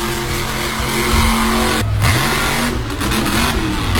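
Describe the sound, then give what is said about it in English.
The engine of the King Sling Competition Monster Truck revs loudly, its deep roar rising and falling in pitch with a brief dip before climbing again, with no voices over it. “I am coming to play Monster Trucks with you guys at the Eastbound Speedway with the all-new King Sling Competition Monster Truck.”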